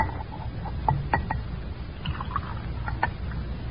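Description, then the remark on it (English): Whiskey glugs into a glass in a few soft, uneven bursts, with small clinks and drips over a low background rumble. No one speaks. “Pour me a drink. Of what? A whiskey.”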